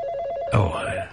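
A telephone rings with a steady, warbling electronic tone, clear, then a sudden louder clatter cuts in halfway through as the ringing continues faintly underneath.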